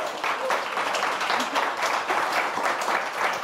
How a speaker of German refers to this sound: Komm zu uns nach vorne mit einem Applaus.